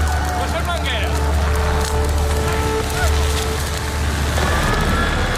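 A fire crackles steadily, with dense irregular snaps and pops over a constant roaring rush and a faint tonal hum underneath, staying loud throughout.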